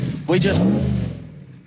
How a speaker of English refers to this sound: listen to those engines. I love it